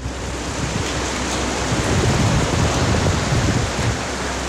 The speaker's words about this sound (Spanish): La lluvia es potente en Antofagasta. Ahí está. Ha llamado mucho la atención de los... Mire, escuchen.